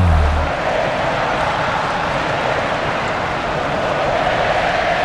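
A packed crowd at the Maracanã stadium during a Brazil versus Panama football match, chanting for Neymar, roars and cheers in a steady, loud, unbroken wash of noise for several seconds, with no commentary over it.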